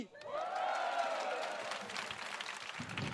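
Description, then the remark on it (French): A studio audience cheers and shouts over a wash of clapping, with high whooping voices swelling early, then a steady roar of applause and scattered yells for about three seconds. “Et après, vous allez crier, d'accord?”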